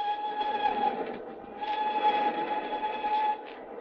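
A subway train rumbles steadily along the tracks, fairly loud, with a broad roar and a sustained high metallic whine riding over it, swelling slightly midway.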